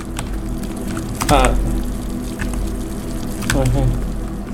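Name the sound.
water running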